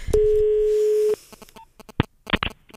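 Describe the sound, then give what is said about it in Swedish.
A single steady, mid-pitched telephone ringback tone lasting about a second, followed by a few sharp clicks and rustling handling noises as the line connects. “Jag ringer.”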